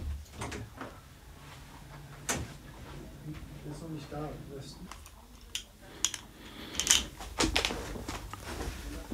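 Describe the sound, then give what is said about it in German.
Faint footsteps and shuffling as a woman walks across the room to the door, followed by knocks and clicks like a door handle and door being opened as she leaves the room, with a low hum and a few murmured voices in the background. “Sie geht zur Tür.”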